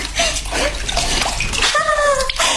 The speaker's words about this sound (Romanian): Iată și apa.